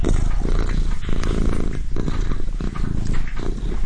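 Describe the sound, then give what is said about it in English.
A pet cat named Cassiopeia purring, a deep, steady rumbling throb with a rhythmic pulse that rises and falls with each breath, continuous and fairly loud with no other sounds. “The main thing I really remember was this deep, low, throbbing sound.”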